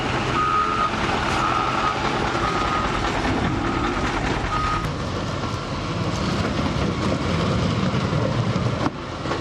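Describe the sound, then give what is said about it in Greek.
A steady series of mid-pitched reversing beeps repeats at a regular pace over the loud, continuous rumble and clatter of heavy construction machinery of the Region of Crete and the municipality, removing flood debris from the roads after a downpour. “Ενώ μηχανήματα έργου της περιφέρειας Κρήτης και του Δήμου βρέθηκαν στην περιοχή προκειμένου να απομακρύνουν τα φερτά υλικά από τους δρόμους.”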